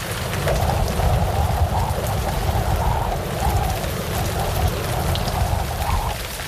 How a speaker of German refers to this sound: Mach mal lieber erst deinen Hosenstall zu, sonst läuft dir der Regen weiter bis in die Stiefel rein.